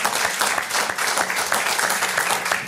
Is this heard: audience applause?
yes